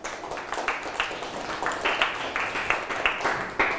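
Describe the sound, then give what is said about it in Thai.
Scattered applause from a class for a classmate, many hands clapping in a brisk, uneven patter that holds steady for several seconds at moderate loudness, with faint voices mixed in. “ปรบมือให้เพื่อน”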